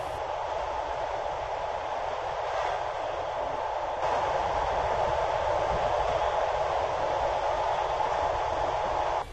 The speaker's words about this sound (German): Die Nacht war kurz, aber schön und der Zug rollte weiter in Richtung Süden.